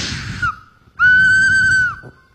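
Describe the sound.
In a sermon, a loud, sustained whistle imitating God whistling as a warning sign holds one steady pitch for about a second, preceded by a shorter, breathy whistle sliding downward. No one talks.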